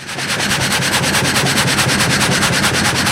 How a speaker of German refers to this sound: Das heißt, du arbeitest mit der Säge. Das ist deine Profession und deine Leidenschaft. Ja, mit der Säge. Es ist mit einer Gattersäge, hast du das Ganze. Ein Vollgatter ist das.